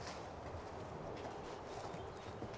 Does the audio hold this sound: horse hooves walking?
yes